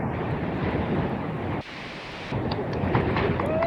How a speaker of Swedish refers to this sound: Ska vi se om vi hör något då. Jag hör mest blåst.